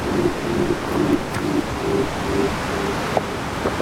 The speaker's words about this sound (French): Des basses profondes. Le ressac continue. De l'océan qui commence à déchaîner ses longues vagues d'écume blanche.